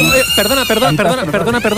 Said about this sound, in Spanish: es que se acaba el concurso porque está sonando la sirena, pero no suena normal. Está sonando aquí en el colegio 3 veces y esto es un poco raro porque apenas ha empezado la clase.